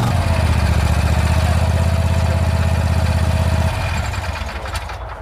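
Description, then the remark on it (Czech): A Vary RL102H garden tractor mower, a classic model for regular grass cutting with a collection bin, started with a key, idles with a steady low throbbing rumble, loud, then eases down and quiets slightly near the end. “jedná se o klasický zahradní Trakturek na pravidelné sečení trávy se sběrem do koše”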